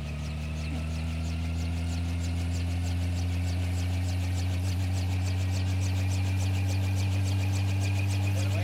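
A helicopter taking-off sound effect: a steady, deep engine drone with a fast, even rotor chop running through it, holding constant and fairly loud for the whole stretch, with no talking.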